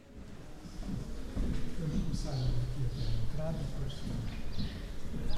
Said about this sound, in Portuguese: Tem passarinhos.